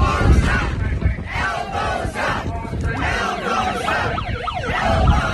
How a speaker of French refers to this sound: Ah ouais, les sirènes. Ah ouais, come on.